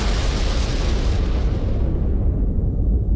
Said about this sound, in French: L'explosion, qui n'a fait aucun blessé, provoque un incendie qui contraint à l'évacuation de tous les passagers.